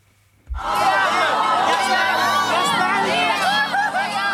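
A large crowd on the red carpet outside the Palazzo del Cinema at a film festival erupts into loud, sustained cheering for the makers of a documentary after a brief quiet moment, with many overlapping high-pitched shouts and screams blending into a continuous roar.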